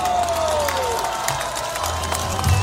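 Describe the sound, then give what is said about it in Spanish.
A crowd applauding: dense, steady clapping with scattered cheers and shouts, loud throughout, and a single falling whistle tone near the start. “aplausos.”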